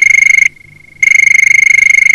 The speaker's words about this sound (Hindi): देखिए ना, फोन की घंटी भी बज उठी है। चलिए उठाते हैं आज का पहला कॉल।